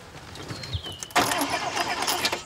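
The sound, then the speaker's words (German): A car engine cranks loudly after a brief quiet moment, the starter grinding on steadily without catching into a proper running idle. “Springt der nicht an?”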